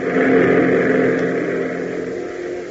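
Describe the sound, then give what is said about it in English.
A P-38 fighter plane engine roars in a loud, steady drone with a low harmonic hum and broad rushing noise. The roar eases slightly toward the end, with no voices. “As Dudley's voice crackles grimly through his headsets, Hop hesitates momentarily, but then, seeing the P-38 roar in, its nose guns black and threatening, and the Stinson following, he gives up and turns the Beechcraft in a sharp bank,”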